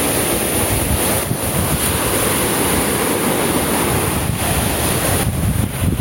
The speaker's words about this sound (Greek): Ο ήχος της θάλασσας, ο αέρας. Υπέροχο. Απλά υπέροχο.